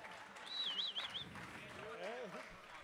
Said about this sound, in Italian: Un applauso. Un applauso a questa bellissima band, ragazzi, dai. Un applauso alla band.